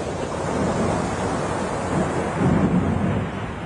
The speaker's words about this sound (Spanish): dentro de una barca cruzando un lago cuando de pronto se levantó una tormenta muy fuerte.